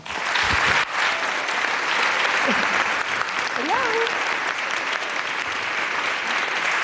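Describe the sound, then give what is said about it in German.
An audience applauds steadily to welcome a woman guest, a dense, sustained wash of clapping with a few brief voices rising and calling out over it; the applause stays loud throughout without fading. “Bitte einen riesigen Applaus für eine grandiose Frau,”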